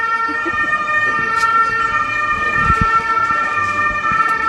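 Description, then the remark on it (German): An ambulance siren blares steadily with a sustained high wail as the ambulance drives through at Bundesplatz, while low traffic rumble fills the background; no one speaks over it. “Moment, ich glaube, wir lassen da den Ambulanz durchfahren.”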